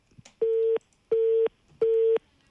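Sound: telephone busy tone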